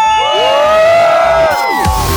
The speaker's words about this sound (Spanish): Y como se grita aquí y en todo San Pedrito, en todo Tlaquepaque, aquí suena ¡La qué buena! 97.1. ¡Y venga ese grito!